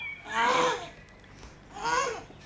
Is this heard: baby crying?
yes